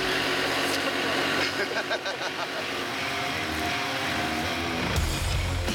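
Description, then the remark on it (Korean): The heavy engines of a tractor and a truck run steadily throughout, a loud low rumbling drone with some rising revs. A louder surge comes near the end as the tractor pulls a stuck truck while the truck reverses, in the countryside. “트럭을 끌어내기 위한 합동 작전이 시작됐습니다. 트랙터로 트럭을 당기는 동시에 후진해서 빼낼 작정인데요.”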